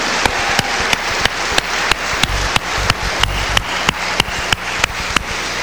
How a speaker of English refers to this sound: Brothers and sisters, let us give another warm round of applause to Minister Dr. Abdul Aleem Muhammad. Give him a warm hand, Masmayam.